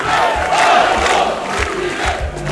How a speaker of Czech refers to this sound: Stotine pristaša skandirale su Aleksandru Vučiću u nedjelju pred zgradom predsjedništva.